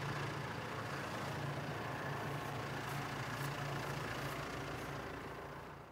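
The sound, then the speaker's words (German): A heavy diesel tractor engine runs steadily at low revs, a deep rumbling drone with a constant low hum and no one talking, as Elias drives the tractor at no more than 6 km/h to smooth and compact trampled ground, stopping again after a few metres. “Damit der zertrampelte Boden richtig geglättet und verdichtet werden kann, fährt Elias nur mit maximal 6 Stundenkilometern. Aber nach wenigen Metern hält er schon wieder an.”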